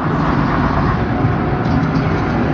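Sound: bus engine running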